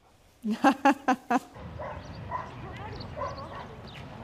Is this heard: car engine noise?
no